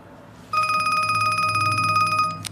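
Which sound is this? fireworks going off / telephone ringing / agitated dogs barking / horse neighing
telephone ringing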